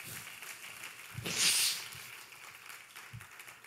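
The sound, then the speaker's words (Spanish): Steady, soft applause from a crowd applauding the Lord, a dense hiss of many clapping hands that swells briefly into a louder burst before settling back to a quieter patter. No one speaks. “Give a strong round of applause to the Lord.”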